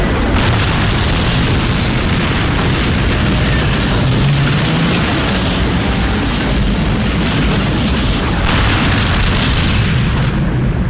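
A huge, sustained atomic explosion roar fills the whole stretch, a dense wall of rumbling, crackling noise at constant high loudness with no pauses and no voices.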